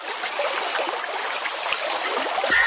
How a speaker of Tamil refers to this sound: நல்ல மழை பெஞ்சு தண்ணீர் எல்லாம் கரையை தொட்டுக்கிட்டு எவ்வளவு அழகா ஓடுது பாரு.